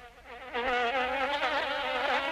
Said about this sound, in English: Springtime is when mosquitoes come out in full force.